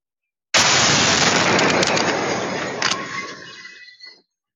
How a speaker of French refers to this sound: La scène de l'explosion filmée dans son intégralité.